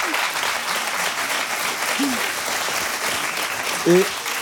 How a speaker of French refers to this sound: Oui, oui, applaudissements.